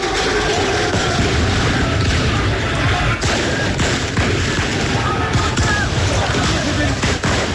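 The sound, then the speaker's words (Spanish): Scattered sharp shots crack out over a loud, continuous roar of crowd noise and shouting, with several bangs at irregular intervals amid chaotic street clamor: police firing fireworks, not bullets, to disperse people during clashes between Moroccan fans and police in Paris after Morocco's defeat by France. “Lo que escuchamos son también disparos de la policía que intentaba disuadir a la gente, son disparos de fuegos artificiales, no son balas lo que se disparaba en ese lugar.”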